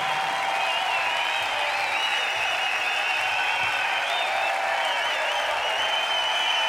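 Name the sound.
long applause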